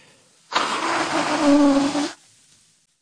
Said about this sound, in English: Sorry. I have to stop talking. I have to blow my nose because I can't hear you.